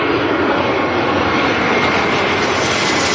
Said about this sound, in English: A Boeing 737 jetliner, that's pretty heavy, right?